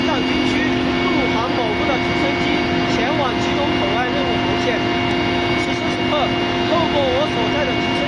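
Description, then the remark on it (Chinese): Loud, steady drone of a Tibet Military Region army aviation helicopter's engine and rotor heard from inside the cabin while flying toward Gyirong port past snowy mountains and valleys, a constant roar with humming tones, while a person talks over it. “此时此刻，透过我所在的直升机舷窗往外看，可以看到连绵巍峨的雪山峡谷。”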